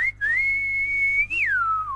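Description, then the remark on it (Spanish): A person whistles a sustained, steady tone that holds level, then glides up briefly and slides downward at the end, with a short break near the start; fairly clear, with no talking. “A mí con el chiflido medio que me sale, pero con el garguero no.”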